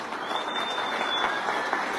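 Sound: crowd applause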